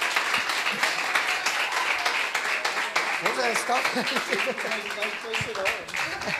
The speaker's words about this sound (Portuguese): Aplauda Jesus, irmão. Glória a Deus.